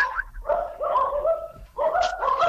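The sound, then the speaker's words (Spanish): Small dogs bark and yap in quick, high-pitched bursts, loud, with a short pause between two runs of barking. “Están ladrando. Esos perritos chiquitos además, ¿sabes?”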